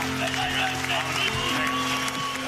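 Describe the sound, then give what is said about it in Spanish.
A crowd applauds steadily for Don Pimpón for a couple of seconds, a dense, even wash of clapping with voices mixed in and a faint steady hum underneath. “Un aplauso para Don Pimpón”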